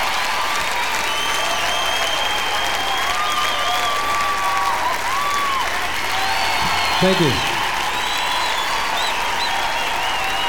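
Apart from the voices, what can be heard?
concert applause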